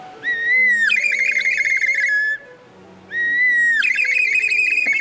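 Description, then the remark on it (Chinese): A toy bird whistle, a percussion instrument for imitating scenes, blown in two long, bright phrases, each starting on a steady high note and breaking into a fluttering, warbling birdsong trill, with a short pause between them. “你听，他那个特别清脆的小鸟的叫声。”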